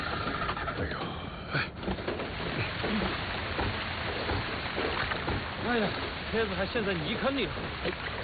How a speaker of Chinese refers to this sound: 哎，下雨了。